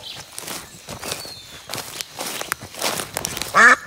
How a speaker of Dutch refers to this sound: Dus die eend zat op een trompet in het bos, die daar uit de grond stak.